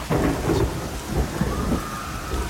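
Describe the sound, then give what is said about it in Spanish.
Steady, heavy rain falls continuously, with a low rumble of thunder rolling underneath. The downpour is dense, with no voices. “Y la lluvia siguió.”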